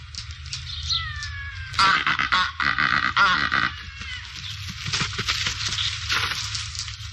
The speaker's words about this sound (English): The Cape Barren Goose.